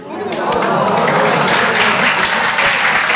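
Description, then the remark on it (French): The audience at the Open du Rire stand-up comedy show applauds a comedian steadily, a dense wash of many hands clapping that rises quickly and holds at a strong, even level for about three seconds. “Je sais pas pourquoi, à chaque fois que j'en parle, les gens m'applaudissent.”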